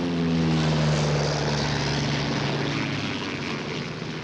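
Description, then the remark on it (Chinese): A propeller airplane engine drones steadily and loudly throughout, with a strong low harmonic hum that slowly shifts in pitch as the aircraft, flown by a wanted fugitive escaping police, passes by. No voices present. “被通缉的逃犯竟然驾着飞机逃跑，甚至惊动了自卫队，出动了军用机，这更成了轰动一时的新闻了。”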